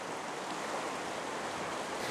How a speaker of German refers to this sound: Der Sturm drückt die Wassermassen weiter in die Flensburger Förde. Am Nachmittag steigt das Wasser immer weiter.